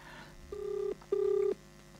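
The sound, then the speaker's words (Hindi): Two steady electronic phone ringback tones from a call placed by the host during a Darpan Radio programme, each lasting under half a second with a short gap between, heard clearly over a faint line hiss and no talking. “तो हम एक काम करते हैं कि हम अपने एक प्रवीण जी को भी फ़ोन करते हैं और देखें वो प्रवीण जी क्या कहते हैं।”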